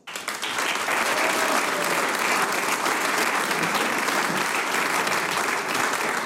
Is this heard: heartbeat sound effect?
no